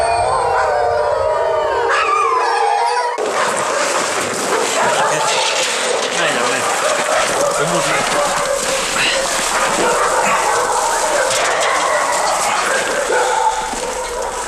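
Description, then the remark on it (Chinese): Young wolves, caught by herders at the start of winter, howl and yip together in a dense, overlapping chorus, loud, with high wavering cries that continue without pause for the whole stretch. “包括这几只小狼在内，绝大部分是刚刚入冬就被牧民抓住的，其中有的甚至已经落下了残疾。”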